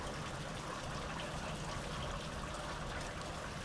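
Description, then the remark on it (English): Steady summer rain in Southeast Estonia patters down in a dense, even hiss of countless drops, soft and unbroken, with faint trickling water underneath and no voices. “Coming to you here from the summer rains of Southeast Estonia.”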